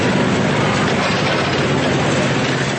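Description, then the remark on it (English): Forklifts speed along a crowded pier on the island of Tabarca in summer, hauling food and drinks from boats up to restaurants and bringing trash back down; their engines drone loudly and steadily, a dense continuous mechanical roar with a broad noisy hiss and no pauses, and no voices are heard. “On shore, the first thing you need to do is dodge the forklifts. They're speeding along, hauling food and drinks from the boats up to a handful of restaurants and bringing bags of trash back down.”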